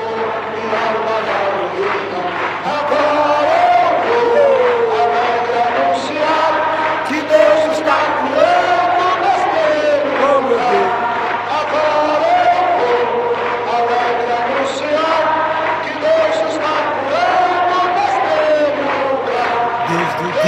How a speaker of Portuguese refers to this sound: Sim, isso é a marca da nossa igreja. É a marca da igreja Deus e Amor, os corinhos, com a multidão.